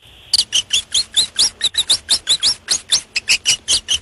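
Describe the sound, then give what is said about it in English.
A hamster squeaks in a rapid, steady series of shrill, high-pitched chirps, fairly loud, with about four squeaks per second and no talking. “That, in fact, was a hamster.”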